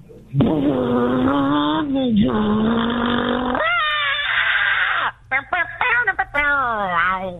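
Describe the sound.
A voice imitates a getaway car peeling away from a bank, a loud sustained engine-like drone that wavers, then breaks into a high, rising scream as someone is in the road, and a few choppy, strained vocal bursts.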